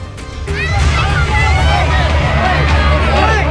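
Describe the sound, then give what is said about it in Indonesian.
A loud, agitated crowd of residents shouts and yells over one another in a dense, continuous clamor while mobbing two young street musicians accused of stealing near a fire site on Jalan Dukuh Pinggir, Kebon Melati, Tanah Abang, Central Jakarta, on Wednesday night, with a steady low rumble underneath. “Dua orang pemuda ini menjadi sasaran amuk warga di sekitar lokasi kebakaran di Jalan Dukuh Pinggir, Kelurahan Kebon Melati, Kecamatan Tanah Abang, Jakarta Pusat pada Rabu malam.”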